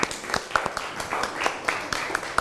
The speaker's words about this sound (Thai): ต้องขอขอบคุณตัวแทนนักเรียนทั้ง3ท่านค่ะขอเสียงปรบมือให้เพื่อนอีกครั้งหนึ่งค่ะ